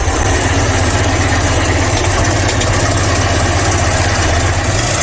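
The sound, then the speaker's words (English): A modern recording of a Ford Model T, the car Henry Ford introduced in 1908: its engine rumbles steadily at idle, loud, with a constant low mechanical throb and rattling vibration throughout, no voices. “Loud mechanical rumble is a modern recording of a car that debuted more than 100 years ago.”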